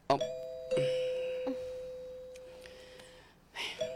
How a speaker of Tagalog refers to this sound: Ayan na kita sa gate. Wait lang, love, ha? Kay ma-doorbell ako.